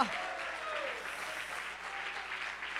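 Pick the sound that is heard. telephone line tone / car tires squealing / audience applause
audience applause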